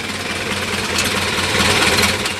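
An old Model A coupe car engine runs steadily, its rapid, knocking chug pulsing under a broad, hissing rattle at an even loudness, with no voices.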